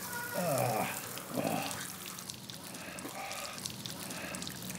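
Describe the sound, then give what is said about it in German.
Water pours and splashes steadily from a watering can emptied over a person for several seconds, fairly loud, while the person lets out two short yelping cries near the start. “10 Euro, ich leere diese Gießkanne über dir aus.”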